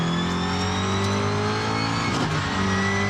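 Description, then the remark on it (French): A car without ABS laps the Christophe Bézon circuit, its engine droning steadily at a mid-range pitch with strong harmonic tones, briefly dipping and rising again as the driver lifts off and gets back on the throttle; in third gear it drifts, the tyres lock a little and it runs into the dirt. “Hop, il n'y a pas d'ABS, on bloque un peu les pneus, hop, ça sort dans la terre.”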